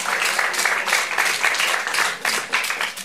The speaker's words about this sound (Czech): No ne, nejsi sama, potlesk to stvrzuje.